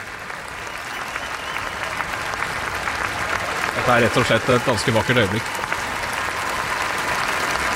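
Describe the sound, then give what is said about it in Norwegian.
A vast outdoor crowd at the Royal Palace in Norway cheers, claps and waves Norwegian flags as King Haakon and Queen Mette-Marit come out on the palace balcony and wave; a dense wash of applause and shouting fills the space while a man speaks calmly over it, his voice prominent in the middle. “Det kong Håkon og dronning Bette Marit som kommer ut på Slottsbalkongen og vinker til folket, og blir møtt altså av et folkehav som jubler og klapper og vifter med norske flagg.”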